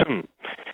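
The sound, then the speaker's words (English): A caller to the Newstalk ZB talkback radio show clears their throat over a thin, telephone-limited line: a short voiced grunt, a brief pause, then a raspy, scraping burst, moderately loud. “Excuse me, I'll just get the frog out of my throat.”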